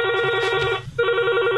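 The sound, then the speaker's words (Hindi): A telephone rings for an incoming call, the first call to a phone-in show, two loud electronic trill bursts separated by a brief gap, clear with no talking. “Phone in लोगरस के सुन तो सपा दादा दीदी मन के मच बाटले जुआर हाले सुनू पहिल फोन काचो आए।”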